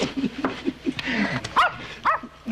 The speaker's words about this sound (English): Call off your dog